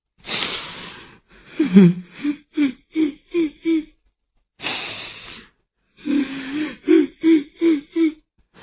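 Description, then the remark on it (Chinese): Two rounds of sobbing crying: a sharp gasping inhale followed by a string of rhythmic, whimpering sobs, repeated after a short pause. Fairly loud, with no talking. “可他这话刚说完，就忽然听见有哭声。”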